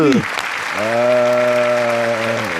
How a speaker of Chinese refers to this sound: 承蒙诸位掌声，不胜感激呀、啊！